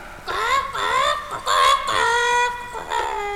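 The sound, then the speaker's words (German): A voice imitates a hen's clucking: a loud run of warbling, pitch-sliding squawks in quick bursts for a few seconds, with no other sound around it. “Jetzt sind die Hühner an der Reihe. Nein, du dummes Huhn nicht.”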